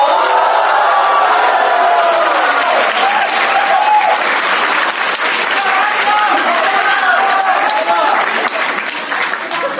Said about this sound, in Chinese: 请您欣赏相声大保镖，表演者曹云金、刘云天，掌声有请。